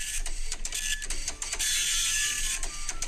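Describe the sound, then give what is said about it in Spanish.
A dot matrix printer rattles steadily through a print job, its rapid buzzing head strikes and carriage movement continuous and loud, with brief pauses as it shifts lines. “Una impresora matiz de punta.”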